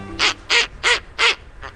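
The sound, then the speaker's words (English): A snowy owl gives a series of harsh, rasping barks: four loud, evenly spaced calls followed by a fainter fifth, with no voices over them. “Snowy owls are glamour birds.”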